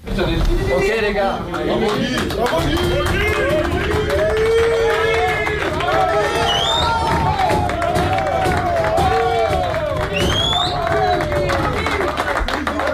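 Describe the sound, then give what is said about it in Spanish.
A crowded locker room erupts in sustained cheering, clapping and overlapping shouts from many men, France's footballers giving an ovation to Guy Stéphane, Deschamps' right-hand man, after beating Norway 4-1. It is continuous and loud for the whole stretch, with whoops rising above the din. “esta ovación cerrada de los futbolistas en el vestuario cuando se gana a Noruega 4-1”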